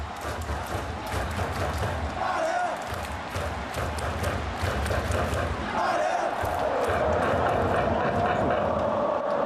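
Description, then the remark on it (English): A packed crowd of Dalian football supporters jumps, roars and chants without a break during a match against Shenyang, with Dalian trailing 1-0 after a penalty. Many voices merge into a loud, dense wall of cheering, with a sustained sung chant swelling in the second half. “Everyone is still jumping up and cheering and chanting.”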